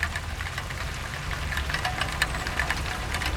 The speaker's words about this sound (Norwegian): Ja, regnet, det liker jeg.